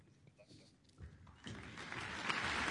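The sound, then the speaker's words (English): Audience applause for conductor André de Ridder and the New Zealand Symphony Orchestra, who perform Schumann's first symphony, swells from a low murmur into steady, dense clapping that grows louder and fuller over a few seconds, a broad crackling wash with no voices standing out. “Applause for André de Ridder to conduct Schumann's spring-inspired first symphony, performed by the New Zealand Symphony Orchestra.”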